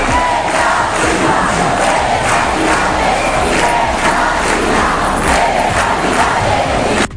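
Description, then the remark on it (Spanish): Hundreds of people chant loudly and steadily in unison while marching through the streets of Pontevedra in a demonstration for the right to decent, affordable housing; rhythmic voices pulse in repeated bursts with a dense roar of many people beneath, no clear individual speech. “Llaves en mano, cientos de personas marcharon ayer por la tarde por las calles de Pontevedra en la manifestación convocada para defender el derecho a una vivienda digna y asequible.”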